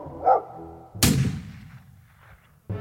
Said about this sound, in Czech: Jednoho dne obě lišky uslyšeli štěkot psa a střelbu z pušky.